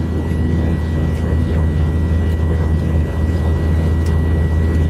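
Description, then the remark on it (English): A loud, steady aircraft engine drones without a break, a deep rumbling hum with sustained tonal whine layered on top and a few brief clicks. “I love the engine noise.”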